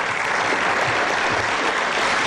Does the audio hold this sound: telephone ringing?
no